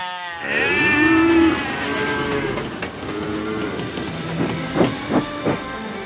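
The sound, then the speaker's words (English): A crowd of train passengers imitates cattle, starting with a long, loud, low moo followed by overlapping lowing and bleating calls over a steady rumbling background. “They felt as if they were being dehumanised, so they would bleat and moo and bar.”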